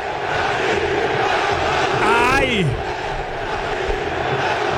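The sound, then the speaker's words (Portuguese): A stadium full of football supporters chants and roars in a dense, steady wall of sound, with a single voice letting out a loud, wavering shout partway through. “Olha só a torcida. Vamos ouvir.”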